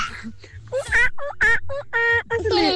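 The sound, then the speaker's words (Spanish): A young girl's voice imitates a monkey with a quick series of high, chattering hoots and squeals, loud, in short rhythmic bursts over about three seconds. “vamos a imitar a un monito.”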